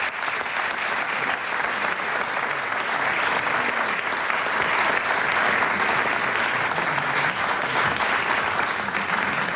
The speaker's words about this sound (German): Und die kommen nochmal einen großen Applaus ob die Böen,